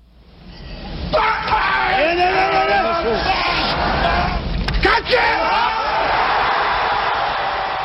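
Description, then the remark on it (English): A weightlifter hoisting 470 pounds over his head lets out a long, strained, loud bellow of effort over the roar and chatter of a large crowd that keeps cheering after he stops. “That scream he's making, it's called an effort grunt.”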